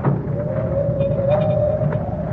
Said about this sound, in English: Listen to the wind and the corn. Isn't it eerie? Looks eerie, too. Silhouetted against the stormy sky. So tall. Like marching soldiers.